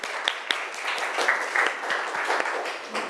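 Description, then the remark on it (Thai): A class of students claps steadily for about three seconds for a classmate who answered a question, a dense, fairly even patter of many hands with a few sharper individual claps standing out. No one speaks over it. “ปรบมือดังๆให้เพื่อนของเราหน่อยค่ะ”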